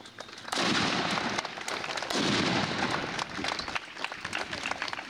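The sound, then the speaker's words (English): Two heavy booming cannon blasts, about a second and a half apart, each followed by a long rumbling, crackling tail outdoors, with gusty wind noise filling the background, at Thayer County's annual Memorial Day celebration in southeast Nebraska on a day of heavy wind. “With American flags billowing in the heavy wind, Thayer County's annual Memorial Day celebration began with a literal bang”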